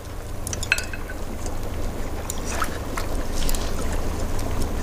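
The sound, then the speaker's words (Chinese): A hot pot simmers in a 500-watt electric pot as it nears boiling, a steady bubbling texture over a low electric hum, broken by a few soft splashes and clinks as vegetables drop into the liquid, without talk. “锅都快开了，赶紧下菜吧。”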